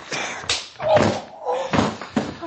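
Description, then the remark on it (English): A thrown knife thuds into a wooden door, one of several dull, woody knocks and scuffles spaced across a couple of seconds, with a brief low grunt mixed in. “And the blade grunted with regret as it went by me and bit into the door.”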